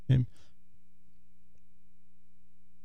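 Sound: cough and throat clearing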